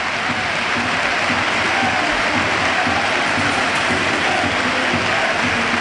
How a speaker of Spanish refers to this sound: Bueno, ahora os lo contamos porque esta es la ovación a Mikel Oyarzabal. Bueno, ha tirado el peto, lo ha tirado al suelo y se ha marchado directo al vestuario. Ovación a Noeta, a su campeón del mundo.